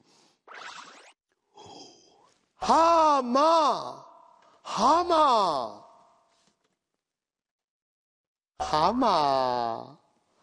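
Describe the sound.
Several loud, drawn-out voiced yawns, close up, each rising and falling in pitch, with short pauses between them and a longer gap before the last one.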